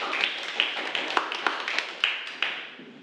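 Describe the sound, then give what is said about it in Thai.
Students in a classroom applaud group 2 for a correct answer during a lesson, a dense patter of overlapping claps with a few sharper slaps standing out, gradually thinning and fading toward the end. “ฝรั่งเศสมาดูเฉลยเลยนะครับเป็นงานปารีสแฟชั่นเป็นคำตอบที่ถูกต้องนะครับขอเสียงปรบมือให้กับกลุ่มที่2”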